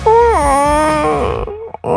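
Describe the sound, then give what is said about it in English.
A person imitates the yowl a spayed female cat made while carrying socks from the laundry basket in her mouth around the house: one loud, drawn-out, nasal wail that slides down in pitch, then wavers on a steady tone before breaking off. “And she would literally get socks out of the laundry basket and in her mouth and carry them around the house doing this awful sound.”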